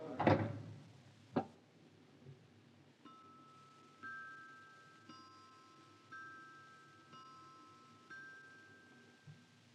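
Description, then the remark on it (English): A door shuts with a solid thud, then a sharper knock a second later, followed by quiet, evenly spaced ringing ticks roughly once per second. No one speaks. “And shut the door, Mr.”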